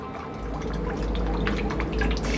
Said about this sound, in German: was ich dich schon die ganze Zeit fragen wollte, hat das eigentlich irgendwas zu bedeuten, dass hier ständig Wasser in dein U-Boot reinläuft? Wasser? Da muss irgendwo ein Loch sein.